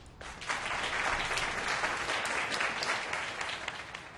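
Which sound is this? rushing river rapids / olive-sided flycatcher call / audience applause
audience applause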